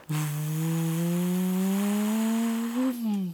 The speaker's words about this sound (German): Das war ein startendes Flugzeug auf dem Flughafen von Salzburg. Das konnte man nämlich auf dem Untersberg hören, wie ein Flugzeug startet. So laut ist diese Turbine.